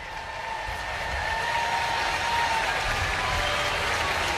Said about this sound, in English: That'll bring up Cedric Mullins, who again gets a nice round of applause in his last game of his first series as a visitor in Baltimore.